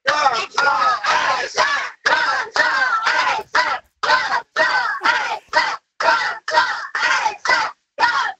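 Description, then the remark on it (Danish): A football team of young men chants a rhythmic battle cry together inside a bus, loud, with short punchy shouted bursts repeating in a steady beat. “Kunne man måske forestille sig, at du inde i bussen lige rækker telefonen op i luften, og så råber I jeres bedste kampråb?”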